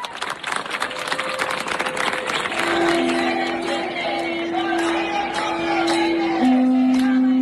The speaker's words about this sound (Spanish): Es el sonido de la manifestación por la vivienda convocada esta mañana en La Laguna por el sindicato de inquilinas. Más de 50 colectivos están reclamando la declaración inmediata de zonas tensionadas, contratos indefinidos